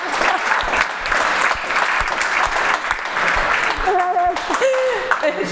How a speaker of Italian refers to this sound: Bella ragazzi, un applauso su questa. Viva la sincerità.